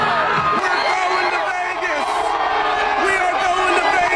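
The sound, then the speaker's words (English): A packed crowd of Canes hockey fans, the Caniacs, erupts in frenzied cheering after a third-period comeback and overtime win, a dense, sustained roar of yells and whoops that stays loud and unbroken throughout, with individual shouts rising above the din. “A third period explosion and OT thriller sent Caniacs into a frenzy.”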